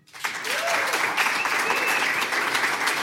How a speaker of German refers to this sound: Und ich bitte Sie um einen großen Applaus